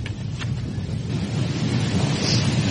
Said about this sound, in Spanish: Se escucha el agua. Muy ruidosa, ¿no? Esa es la gracia.